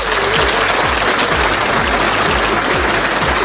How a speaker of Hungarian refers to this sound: Így van, egy tapsot megérdemel mindenféleképpen.